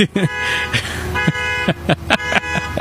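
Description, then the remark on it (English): A car alarm blares with loud, steady horn tones that keep sounding through the whole stretch, pulsing in repeated bursts, while a voice talks underneath. “Got the alarm out there.”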